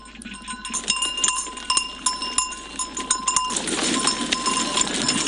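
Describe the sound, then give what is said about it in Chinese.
A farmyard full of dairy goats on a mountain farm in Lintong District, Xi'an, Shaanxi Province, China, in cold December, with repeated bleats and a clear metallic bell ringing through a busy, textured background of animal movement and shuffling, growing denser toward the end. “曹少卢着急要来山上看看奶山羊的过冬情况到底怎么样了。”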